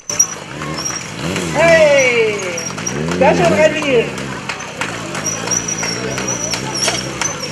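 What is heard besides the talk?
motorcycle engine revving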